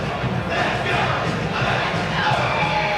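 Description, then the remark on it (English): A large baseball stadium crowd roars and cheers in a dense, continuous wash of voices, loud and steady for the whole stretch, with no distinct speech standing out, as rain comes down sideways and the wind picks up. “This crowd has been kept in check most of the night.”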